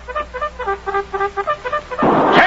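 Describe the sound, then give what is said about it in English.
A cavalry bugle call announcing Lieutenant Carpenter and his troops: a brisk series of about ten short, bright brassy notes in a bouncing rhythm, cut off by a sudden loud burst of rushing noise at the end. “That music is a bugle. A cavalry bugle.”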